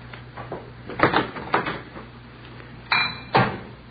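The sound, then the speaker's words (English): Dishes clatter as they're gathered up to clean a messy kitchen: a handful of irregular clinks and clunks, fairly loud, with short pauses between them over a low steady hum. “Place is in kind of a mess. I guess I'll have to go in and clean it up.”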